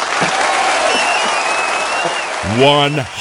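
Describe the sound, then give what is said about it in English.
A crowd bursts into steady, loud applause that fills the whole clip, a dense wash of clapping, with a person's voice breaking in over it near the end. “Actually, you know what? Me clapping for that is not enough. Here you go.”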